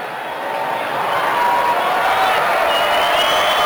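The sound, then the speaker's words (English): A ballpark crowd at a Cardinals baseball game murmurs steadily, a dense wash of indistinct chatter that swells slightly in the first second and then holds at a fairly loud, even level, with no single voice standing out. “The crowd has filled in quite a bit.”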